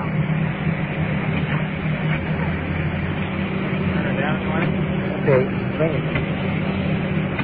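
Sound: rescue truck engine running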